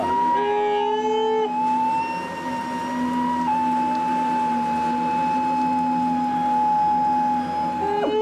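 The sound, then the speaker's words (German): Several stressed young camels bawl together in long, drawn-out, wailing moans that overlap and hold steady for seconds at a time, loud, with no talking. “Das sind junge Kamele. Ja. Das hört man.”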